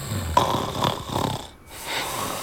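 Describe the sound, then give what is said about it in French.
A man snores in deep sleep on a living-room sofa, a few rough, rattling inhales repeating at a steady rhythm, moderately loud with a brief quiet pause between breaths. “ça la fait bien marrer, la bave des adultes qui roupillent. On dirait des gros chamallows qui se gonflent en ronflant.”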